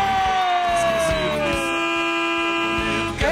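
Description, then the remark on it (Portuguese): Loud vehicle horns blare continuously in Brazil, honked for the Band radio show, several overlapping tones sounding together, one sliding downward in pitch, over a low pulsing engine rumble. “Quem prefere vai, buzina aí, vai.”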